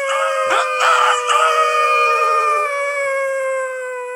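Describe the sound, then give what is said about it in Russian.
A rooster crows once, loud: a few sharp opening bursts give way to a long, sustained harmonic call that holds steady for several seconds before fading out. No voices are heard. “Хватил солдат его за бороду и до тех пор угощал тесаком, пока петухи не запели.”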